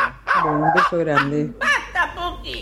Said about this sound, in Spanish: Si ladra la Puki, ¿por qué no va a ladrar también su perrito?